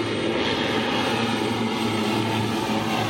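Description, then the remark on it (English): A steady, loud airplane engine drone with a low propeller hum, filling the whole stretch as a plane comes in to land, with no voices. “When the airplanes land, it's like they come out of everywhere.”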